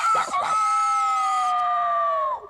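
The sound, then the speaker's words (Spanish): A noisy rooster lets out a single loud crow, opening with a couple of quick rough syllables before stretching into a long, strained, sustained note that cuts off abruptly. “¿Qué? ¿Ese gallo ruidoso es su papá?”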